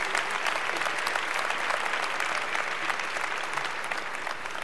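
A large audience claps steadily, a dense and sustained wash of applause that fills the room at an even, fairly loud level with no talking over it.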